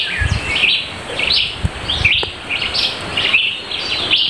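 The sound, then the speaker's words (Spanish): A mockingbird (cenzontle), recorded in Santa María Zapotitlán, Oaxaca, sings a steady run of varied, bright chirping phrases, repeating one after another without pause, clear, with a few soft low thumps in the background. “Enviamos un saludo a la comunidad de Santa María Zapotitlán, Oaxaca, de donde nos enviaron los cantos del cenzontle y del pájaro de atole.”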